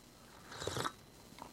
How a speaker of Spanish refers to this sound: Ah, estoy tomando un cafecito,